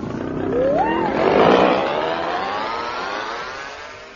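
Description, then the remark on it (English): An outboard motor engine revs up with a rising whine into a loud roaring burst, then settles into a steady drone that slowly fades over a few seconds. “Come now, hold this outboard motor.”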